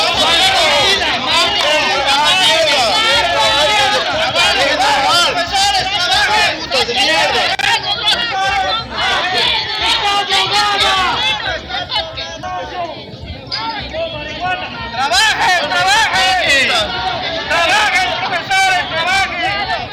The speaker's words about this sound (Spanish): La tensión generalizada va creciendo. Escuchábamos de fondo, ¿no?, en gritos, reclamos de la población que está en contra de dichas movilizaciones